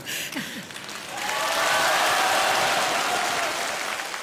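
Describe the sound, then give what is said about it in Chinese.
An audience breaks into applause after a brief voice at the start, the clapping swelling into a dense, steady crackle of many hands that holds loudly to the end. “感谢您各位的掌声， 谢谢大家。”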